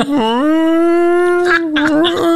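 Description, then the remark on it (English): A person imitates a whale call with a long, steady, humming vocal tone that dips briefly at the start, then holds level before breaking into a few rougher, wavering sounds at the end. “Everybody speaks Whale Day. What does that sound like?”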